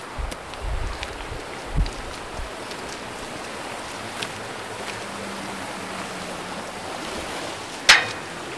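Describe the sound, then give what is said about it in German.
A steady, rushing wash of flowing water from the Xierser Bach (Biddigbach), a mountain stream in the Alpine valley of Xiers, fills the whole recording at even volume, with a few faint knocks and one sharp tap near the end. No voices. “Ja, wir wollen jetzt natürlich auch ein bisschen uns die Geschichte von Xiers anschauen und wir sind bewusst an den Xierser Bach oder besser gesagt Biddigbach herangetreten, weil er dann in der Geschichte von Xiers ja eine wichtige Rolle spielt.”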